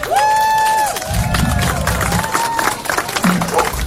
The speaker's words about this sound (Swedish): Och sen är det jättemånga här som är här, som jobbar idag och som har jobbat tidigare. Och alla jobbar ideellt. Och det tycker jag att de ska ha en stor applåd för.